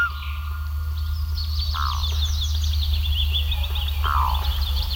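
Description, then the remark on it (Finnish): Several birds sing outdoors by a lake in quick, repeated chirping phrases, a couple of clearer whistled notes standing out, over a steady low rumble of background ambience. No one speaks. “Se tunne, kun istuu järven rannalla valoisassa kesäyössä ja sitten kuikka huutaa järvellä.”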